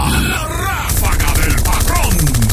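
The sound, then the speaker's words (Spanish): A loud, rapid burst of gunfire sound effect, with sharp shots repeating in a fast, steady rattle for nearly two seconds, following a brief shouted voice and mixed with vocal sounds. “¡La ráfaga!”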